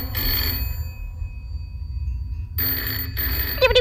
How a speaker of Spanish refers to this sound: Y sin esperar respuesta, el Chano coge el teléfono y llama a Gregor Flaute, el abogado más famoso de todo Cádiz.